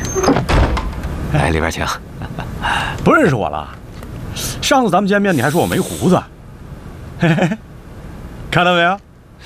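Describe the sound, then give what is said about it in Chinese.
A shop door is pulled shut as the shop closes for the day, with a long scraping, hissing slide broken into a few noisy bursts, while voices murmur and call out in between. “关门打烊了。”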